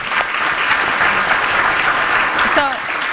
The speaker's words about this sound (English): So we've invested in things like Dolly Parton's Imagination Library. So another round of applause for Dolly.